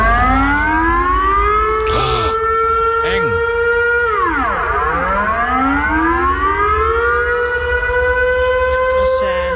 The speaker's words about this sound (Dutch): De bedoeling dat die sirenes ook echt afgaan op dodenherdenking. Maar het was een menselijke fout. Iemand was gewoon vergeten dat knopje uit te zetten.